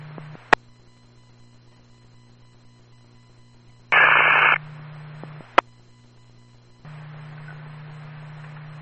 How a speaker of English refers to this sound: Intercom 28-7. Intercom 28-7. Only receiving static.